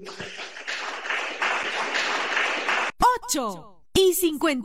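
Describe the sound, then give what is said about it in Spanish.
An audience at the Pentecostal church La Cosecha in Olmos applauds for Christ Jesus in a dense, steady burst for about three seconds, then the clapping stops and loud voices ring out with rising, sliding calls. “Aplauso contento para Cristo Jesús.”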